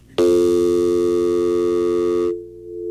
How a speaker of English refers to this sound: Yeah. I've got dial tone. I know that.